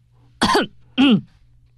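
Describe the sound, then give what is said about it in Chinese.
A man forcefully clears his throat twice, two loud, rough bursts separated by a short pause, with no talking around them, just before he starts reciting aloud. “接着他使劲儿清清嗓子，便大声朗诵起来。”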